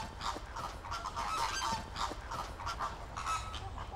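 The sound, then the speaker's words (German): A flock of flamingos calls continuously while feeding in the rain, with overlapping nasal, goose-like honks and gabbling, a steady busy chatter with no talking. “Aber bei Regen mit den Füßen im Wasser, für die Flamingos kommt das Sauwetter gerade recht.”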